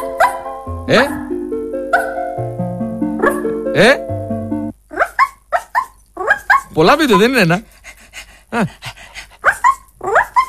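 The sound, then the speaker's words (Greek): A small female chihuahua yaps and barks in quick, high-pitched bursts with drawn-out whiny, warbling cries, fairly loud, while people talk over and between the barks. “Γαυγίζει. Εδώ δείχνει, ξέρεις τι δείχνει, το κρεβάτι της.”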